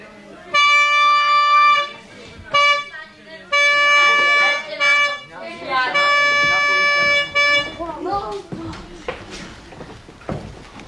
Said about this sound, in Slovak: Pán pobočník, zatrúbte signál, všetci ku mne.